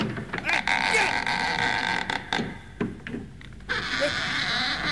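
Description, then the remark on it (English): A goat bleats repeatedly in loud, wavering cries with short breaks between them, over a steady background hum. “Hey, what are you guys doing with that goat?”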